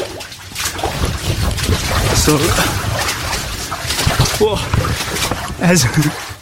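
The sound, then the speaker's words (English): Steady sloshing and splashing of feet wading through water in underground catacomb tunnels, continuous, with an enclosed, echoey feel; brief bits of speech from people break through now and then. “as I press record, we came to some more water.”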